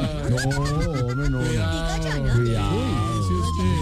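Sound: ambulance siren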